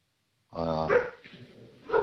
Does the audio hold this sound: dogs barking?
yes